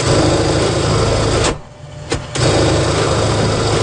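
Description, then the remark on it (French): A sewing machine hums and whirs steadily, cuts out for about a second with a single click in the gap, then starts running again at the same buzzing pace. It is run by a sample maker at the Marigold boutique-workshop on Wellington Street. “Bien, on entend toujours le petit bourdonnement de la machine à coudre”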